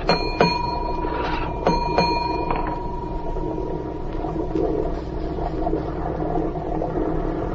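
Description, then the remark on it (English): A ship's engine room telegraph bell, signalling the order to heave to, clangs with bright, ringing metallic tones: one strike, then a quick cluster of two or three more, over a steady low engine rumble. No one speaks. “I know engine room signals.”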